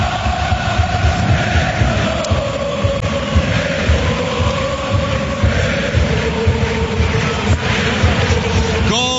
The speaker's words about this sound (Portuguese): Grande, grande, grande ambiente. Escute, escute o ambiente no Cider Stadium.